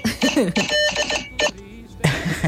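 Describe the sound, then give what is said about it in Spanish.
Quick bursts of electronic beeping from a vote-tallying machine sound effect, loud, chirping in a busy cluster with voices talking over and around the tones as a preliminary vote result comes in. “Pero antes, boletín preliminar, llega a la Registraduría Nacional del Estado de los Votos por WhatsApp en la maquinita.”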